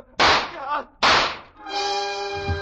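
Two loud, sharp shots from a woman's pistol crack out about a second apart, each with a brief decaying tail, followed by a sustained, steady musical chord.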